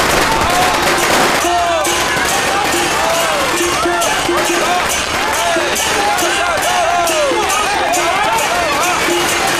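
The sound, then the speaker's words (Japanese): Loud, dense crackling of large firecrackers set off at a home in a rapid, unbroken barrage, with a crowd of voices chattering underneath. “この家の爆竹はかなり大きいです。”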